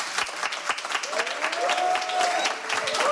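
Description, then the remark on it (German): Steady applause from a full studio audience in Studio 1 at Bikini Berlin during a live Radio 1 show, dense clapping that holds at an even, lively level for a few seconds, with a faint whistle rising through the middle. “Die Ränge sind voll, man kann es hören.”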